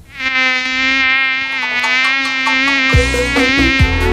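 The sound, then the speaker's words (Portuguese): A mosquito whines loudly, a steady high-pitched buzz that holds throughout, joined near the end by a few dull low thumps beneath it. “Atenção ao relógio, faltam agora 6 minutos para as 8, Dia Mundial do Mosquito.”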